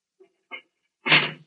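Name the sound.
cell door being closed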